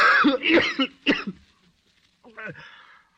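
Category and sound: human body sound, cough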